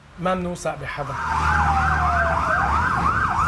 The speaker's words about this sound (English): As long as the strikes continue, these sirens across the country will not stop.